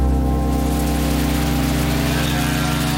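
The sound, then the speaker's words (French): Steady, dense rain hisses continuously in Fushu, a quiet district of western Tokyo, Japan, on 10 December 1968, layered over a low, constant engine-like drone. No voices, and the sound stays even throughout. “Le 10 décembre 1968, il pleut sur Fushu, un quartier tranquille de l'ouest de Tokyo.”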